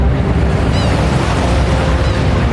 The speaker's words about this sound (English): in the background, I'm hearing the roar of this river